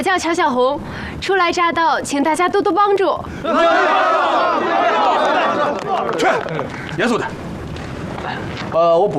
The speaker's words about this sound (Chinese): 鼓掌啊！ 来热情点。